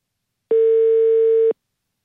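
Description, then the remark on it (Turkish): A single steady electronic ringing tone of an outgoing telephone call, one clear one-second beep at a constant pitch, heard alone and fairly loud, with silence before and after. “İki kere daha şey çaldırıp kapatırım.”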